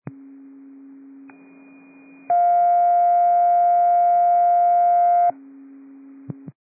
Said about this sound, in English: District 3, these are second tones. District 3, second tones.